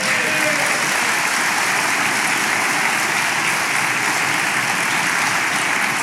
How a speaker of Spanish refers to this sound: ¿Alguien puede dar un aplauso al Señor?